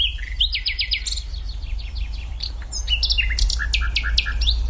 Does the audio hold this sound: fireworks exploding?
no